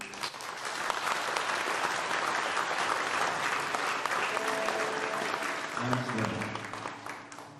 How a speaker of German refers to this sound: Ein Applaus muss nicht gespart werden.